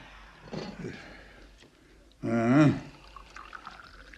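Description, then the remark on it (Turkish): Freshly brewed evening tea is poured into tea glasses in one short, gurgling burst with a rising tone, after a few soft clinks and rustles, then a faint trickle fades away. “Ben hemen bardakları bir doldurvereyim.”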